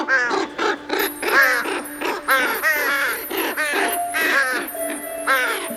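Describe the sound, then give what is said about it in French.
A dense chorus of harsh crow caws overlapping with the low croaking of toads, repeated in rapid, ragged bursts for several seconds, fairly loud with no talking. “Cette nuit-là, paraît-il, tous les corbeaux et les crapauds du monde ont entamé sans se concerter une bien étrange chanson.”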